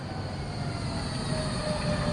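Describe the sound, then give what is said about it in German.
A tram rolls along its rails with a steady, broad rumble and hiss, faint high squeals flickering above the low droning noise, continuous throughout without any voices. “Schon an dem Rollen der ersten Trambahn hatte ich gehört, ob sie im Regen fröstelte oder ins Blaue aufbrach.”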